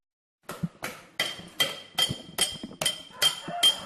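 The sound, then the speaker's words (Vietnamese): A small hammer taps on silver in a steady rhythm, about nine evenly spaced strikes, each a sharp metallic tick with a faint high ring, with no voices, during traditional silver engraving of ritual objects for the Cham people in Bào Trúc village, Ninh Phước commune, Khánh Hòa province. “Giữa không gian yên tĩnh của thôn Bào Trúc, xã Ninh Phước, tỉnh Khánh Hòa, tiếng búa nhỏ gõ nhịp lên mặt bạc vang lên đều đặn, không ồn ào như tiếng máy móc trong các xưởng cơ khí.”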